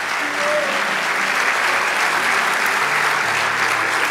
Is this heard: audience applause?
yes